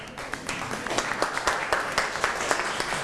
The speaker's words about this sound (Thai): ครูก็เป็นกำลังใจให้นักเรียนอ่ะปรบมือให้กับเพื่อนหน่อยครับ